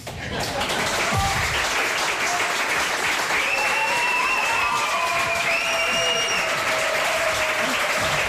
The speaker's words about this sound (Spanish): recibidos en este reemprendimiento del programa con esta ovación tan espontánea.